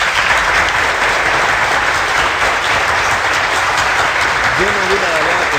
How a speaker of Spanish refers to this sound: Un aplauso.